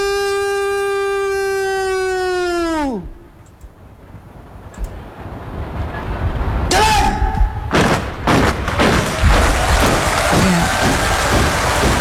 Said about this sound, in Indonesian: Riuh tepukan kini bergema ya di kawasan Istana Merdeka Jakarta sebagai apresiasi atas terlaksananya kegiatan penurunan sang merah putih yang berjalan lancar.